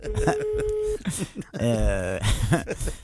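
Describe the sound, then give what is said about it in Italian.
A steady electronic telephone tone holds for about a second over a busy background as someone calls back after being hung up on, then people talk over the line in lively, overlapping voices. “Cioè, proprio, adesso richiamiamo, vediamo. Sentiamo se risponde.”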